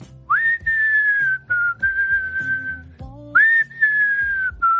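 Someone whistles a melody up close, clear and steady, with sustained notes that glide and fall, over a soft instrumental background with low plucked tones.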